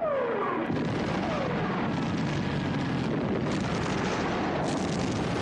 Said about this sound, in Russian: Самолеты сбрасывают бомбы на хутор и окопы.